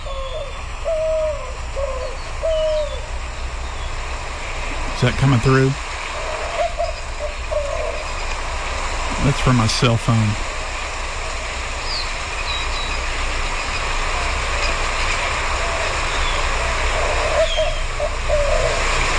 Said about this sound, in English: That's better. Let's listen. White-winged dove. It's very owl-like. And so if you think you're hearing an owl all day, every day, go check it out. It could be this bird, the white-winged dove.